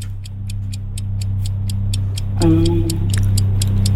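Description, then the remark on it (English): A quiz-game countdown clock, set to 49 seconds for answering 7 questions, ticks in a fast, steady rhythm over a low, humming music bed, with a brighter tone swelling in partway through. No one speaks. “The clock starts now.”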